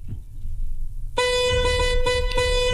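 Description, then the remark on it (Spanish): A loud car horn blares in a long, sustained honk with a couple of quick breaks, sounding a rhythmic signal over steady low road rumble after a moment of quiet traffic noise. “si tocan el claxon así, significa que alguien cerca de ustedes está escuchando el programa también, y eso significa que es alguien en quien puedes confiar.”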